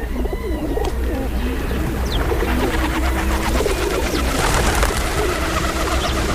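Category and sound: bird, rock dove cooing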